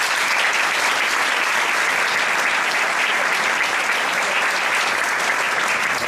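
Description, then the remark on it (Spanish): Loud, sustained applause from a large audience opening the presentation of the Pepinito 2026 tournament in the Salón Butarque of the Hotel Parque Sur: a dense, steady clatter of many hands clapping without pause for the whole six seconds, with no voices standing out. “Bienvenidos, y yo creo que un evento así, porque es muy importante lo que vamos a hacer hoy, se merece empezar con un fuerte aplauso, ¿no?”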